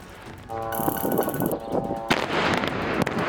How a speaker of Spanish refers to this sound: Esta es una de las explosiones que han sacudido el sur del Líbano este sábado. Allí el ejército israelí sigue bombardeando poblaciones como esta a pesar de la tregua.